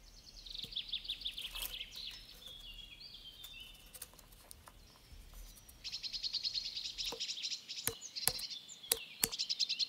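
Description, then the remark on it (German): A great spotted woodpecker pecks rings into the bark of a linden tree to tap its sugary sap, in sharp, irregular taps, some single and some in quick pairs, while high, thin birdsong chirps continuously in the background. “Ein Buntspecht ringelt eine Linde Unter der Rinde steigt, kurz bevor der Baum Blätter treibt, viel zuckerhaltiger Baumsaft auf.”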